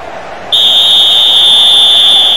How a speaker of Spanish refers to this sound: Silbatazo final. Termina el segundo tiempo.